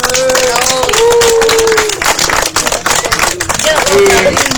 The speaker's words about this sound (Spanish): Y por eso quisiera pedir un fuerte aplauso para Comarapa, por favor.